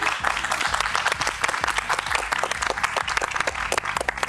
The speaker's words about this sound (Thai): ขอเสียงปรบมือให้กับทั้ง5ท่านด้วยนะครับ